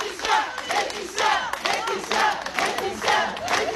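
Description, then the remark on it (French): About twenty people applaud and cheer with raised voices outside the courthouse in Digne-les-Bains as a woman leaves the court, the noise swelling in steady rhythmic bursts roughly every second, fairly loud, with no one speaking clearly. “Et comme chaque jour à la sortie du tribunal de Digne-les-Bains, une vingtaine de membres du collectif 8 mars toute l'année l'ont applaudi, cette fois plus longuement peut-être.”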